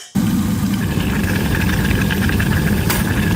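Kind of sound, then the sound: household object, kettle boiling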